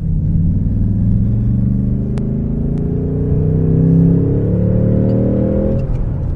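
A V8 car exhaust roars while accelerating in third gear from 30 to 60, its deep, loud rumble climbing steadily in pitch for about six seconds before easing off, with no talking.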